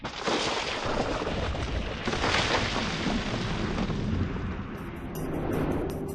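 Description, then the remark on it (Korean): A deep, thunderous roar of glacier ice breaking and collapsing in Svalbard in the Arctic, rumbling loudly and continuously for several seconds with rolling low-frequency booms and crackling, with no voices. “현장에선 마치 천둥이 치는 듯한 굉음이 들립니다.”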